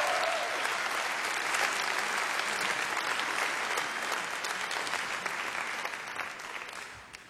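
A crowd applauds steadily for a musician on a public radio show, a dense wash of many hands clapping at once that holds strong and gradually tapers off toward the end.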